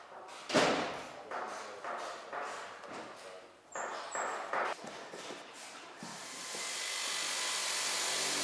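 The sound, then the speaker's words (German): A diamond saw cuts steadily through an aircraft's detachable outer wing along a marked line, its harsh grinding whir building and holding for the last few seconds after a series of scattered thumps and handling knocks. “Und da habe ich hier schon mal angezeichnet, den Riss, damit ich jetzt mit der Diamantsäge den Ansteckflügel absägen kann und einfach nicht verlaufe mit der Säge.”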